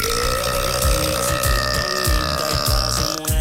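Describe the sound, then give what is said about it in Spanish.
A long, loud, rumbling burp that drags on for several seconds with a croaky, pulsing texture, with no talking. “se me han montado 3 mujeres y cuando escuchan ese eructo todas dicen, ¡qué asco!”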